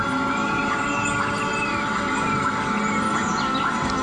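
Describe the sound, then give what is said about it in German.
Sliding, whistle-like calls and scattered high chirps rise and fall over a dense, steady wash of layered sound, from a sound installation in a park by Brazilian sound artist Bella Compson, mixing tree magnetic fields turned into sound with sounds from the Brazilian rainforest. “Es könnten auch Vogelstimmen aus dem Amazonas sein, denn die brasilianische Klangkünstlerin Bella Compson mischt für ihre Klanginstallation im Park die in Klänge umgesetzten Magnetfelder von Bäumen mit Sounds aus dem brasilianischen Regenwald.”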